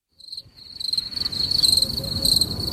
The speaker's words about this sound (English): Wow. Tell you, the crickets are lovely.